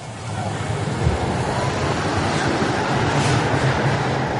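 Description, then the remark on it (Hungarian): A tram rolls along rails glued onto a concrete bed, which amplifies the running noise coming from under the car, with a loud, steady, deep rumble and a broad metallic roar, holding even for several seconds with no one speaking. “Hát sajnos a betonnak az úszott ágyazattal szemben van egy olyan tulajdonság, hogy a közlekedésből eredő zajok felerősödve kerülnek ki a kocsi alól.”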